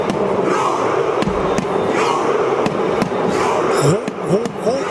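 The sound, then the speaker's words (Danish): A huge crowd of Norway fans at a World Cup stadium roars through a Viking-style chant, with sharp, evenly spaced booming claps punctuating a steady wall of massed voices that rise into shouts near the end. “Norge har jo gjort sig bemærket ved VM Anders på grund af det her råb.”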